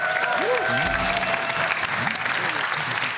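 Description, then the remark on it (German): A burst of audience applause for a contestant's correct answer during a quiz game, dense steady clapping at an even loudness for a few seconds, with faint voices and a brief tone sliding through underneath. “Hier, großer Applaus.”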